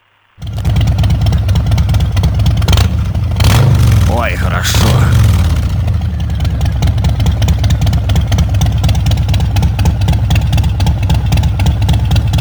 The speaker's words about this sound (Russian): мотоцикл с большой буквы. Ну, вот это классика. Ну, конечно, конечно, это Харли Дэвидсон.